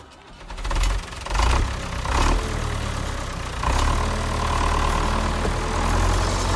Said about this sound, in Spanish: ¿prendemos el tractor?